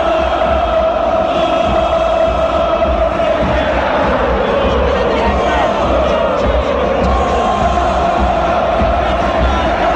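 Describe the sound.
A huge football crowd at the Monumental stadium chants and roars in unison in the 120th minute of extra time of a River versus San Lorenzo match, a dense, sustained wall of voices with rhythmic pulses running through it, loud and constant throughout.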